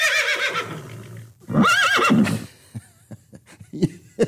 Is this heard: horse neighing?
yes